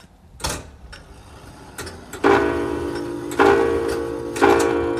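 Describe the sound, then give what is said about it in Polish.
Loud mechanical clock ticks in a clockmaker's workshop land roughly once a second, each a sharp clack followed by a lingering metallic ring, with no one speaking. “Mroczne, to prawda, ale myślę, że jeszcze mogę pani za chwilkę pokazać kilka innych zegarów i ich dźwięków, które na pewno jeszcze bardziej skradną serce słuchaczy.”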